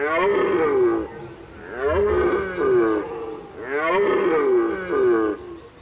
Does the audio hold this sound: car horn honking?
no